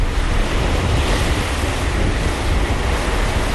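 Loud, steady rush of sea water churning and hissing against the hull as the bow of the French Navy flagship aircraft carrier Charles de Gaulle cuts fast through the eastern Mediterranean between Cyprus and Crete, with a continuous low rumble and wind buffeting underneath, no voices.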